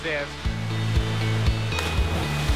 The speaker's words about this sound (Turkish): Şelale muhteşem. Su çok mavi.